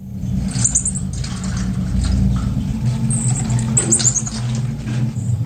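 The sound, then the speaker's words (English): An abandoned marmoset monkey in a cage inside a bag left on a London bus gives a scattering of thin, high-pitched squeaks and chirps over a steady low rumble like an idling vehicle engine. “Well, inside the bag was a monkey in a cage. The marmoset had been abandoned and was reported to the RSPCA Animal Welfare Organisation.”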